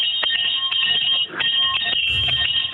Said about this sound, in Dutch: de bel van de Don Bosco School in de Bokent.